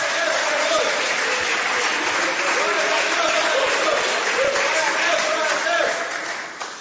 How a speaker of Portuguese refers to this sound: Palmas louvam o nome santo do Senhor.